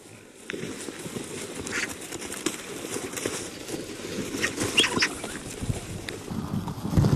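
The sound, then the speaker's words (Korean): A crowd of vultures squabbling at a feeding site, growing rougher as their numbers increase: rough hissing calls, scuffling and flapping wings in a dense, continuous commotion, with no one talking. “수가 많아질수록 먹이터는 싸움터를 방불케 할 정도로 거칠어집니다.”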